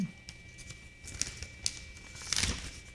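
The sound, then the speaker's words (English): Quiet crinkling of a piece of paper being handled and crumpled, coming in a few short, sharp bursts with a slightly louder rustle near the end; no voices. “So I had a piece of paper there that needed to be culled.”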